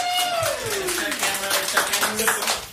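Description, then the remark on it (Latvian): A crowd claps at the end of a song played on Star FM radio, the performers applauding themselves, in a steady, dense patter of applause, while a smooth tone slides downward in pitch over the first second and fainter tonal notes sound beneath the clapping. “Pat viņi sev arī aplaudē.”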